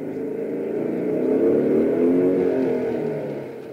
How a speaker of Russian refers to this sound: К воротам подъезжает мотоцикл.